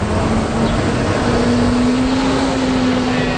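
Dense city traffic rumbles steadily on René-Lévesque Boulevard, on the other side of the bridge in downtown Montreal, a loud continuous wash of engine noise with one vehicle's low hum droning through it and no voices.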